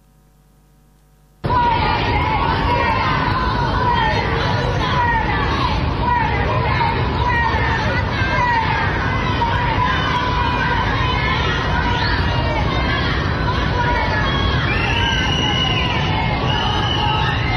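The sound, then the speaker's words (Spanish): After a brief near-silence, a large crowd at the Palacio Pizurno abruptly erupts into loud, continuous booing, shouting and swearing at 11 in the morning, some yelling from surrounding balconies, with overlapping voices and jeers blending into a dense, agitated roar that persists throughout. “Abucheos, gritos, algunas palabrotas, andate, tómatelas.”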